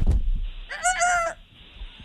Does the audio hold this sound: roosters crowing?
yes